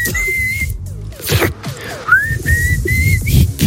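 A person whistles through their lips, a few short, fairly steady notes broken by breathy pauses and soft rustling bursts, with no talking over it.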